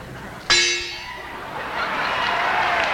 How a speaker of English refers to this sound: Large gong. And imported Edmonton gong.